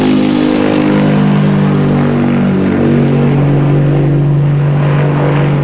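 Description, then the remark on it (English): An airplane lifts off: a loud, steady engine roar with strong low tonal harmonics that shift gradually in pitch, filling the whole stretch without any voices. “Moments later, the plane lifts off.”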